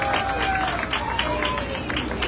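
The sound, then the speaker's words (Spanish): A crowd claps and cheers for the outgoing queen at an evening ceremony in a steady, dense wash of applause, with murmured voices mixed in and no clear pauses over a couple of seconds. “El sonido, y le damos un aplauso a nuestra reina saliente.”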